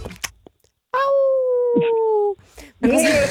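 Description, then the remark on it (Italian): A person imitates a wolf howl with their voice as a good-luck wish: one steady, sustained tone lasting over a second and slowly sliding down in pitch, fairly loud, followed by brief vocal noises. “Il mio in bocca al lupo è speciale, senti?”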